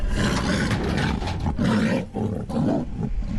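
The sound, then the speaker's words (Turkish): An Amur tiger, Ümit, a female brought from Russia and released in the Ile-Balkhash State Nature Reserve in Kazakhstan's Almaty region, roars loudly, a deep rumbling growl that swells and falls in several sustained bursts over a few seconds, with no one speaking. “Bu dev projenin ilk adımı Rusya'dan getirilen Ümit adlı dişi kaplan.”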